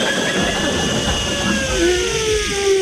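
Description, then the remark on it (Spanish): A voice imitates a hotel room's hair dryer in use with a steady, breathy whirring roar, thin whining tones gliding slowly up and down above the rushing noise, held continuously for about three seconds. “¿Cómo hace el secador del hotel, el amador, cuando está en?”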